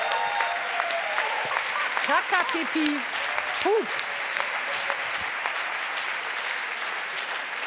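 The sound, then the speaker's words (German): Steady applause fills the whole recording, a dense, even crackle of many clapping hands, while a voice briefly speaks over it near the start. “Man sagt so, yes! Applaus für eure”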